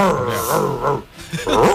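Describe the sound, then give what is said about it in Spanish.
A listener's voice imitates an angry dog, producing rough, rumbling growls in two close bursts with a brief pause between, loud. “Perro cabreado.”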